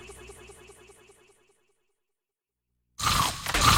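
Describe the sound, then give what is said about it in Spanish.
A soft, rhythmic ticking tone fades into silence, then a loud, harsh burst of crunching breaks in, like teeth biting into Maní Cracks, a crunchy peanut snack by La Especial. “Prueba ya Maní Cracks de La Especial y descubre el sonido de la crocancia.”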